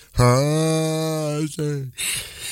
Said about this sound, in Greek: αγαπημένη πρωινή ήχη, χασμουριματάκι.